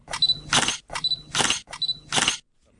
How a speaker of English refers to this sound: No, it's not a butcher slicing up some meat. It's actually the sound of cameras clicking. The Auckland Festival of Photographer.